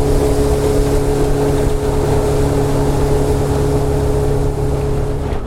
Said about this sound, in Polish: Przepłynęliśmy trasę motorówką.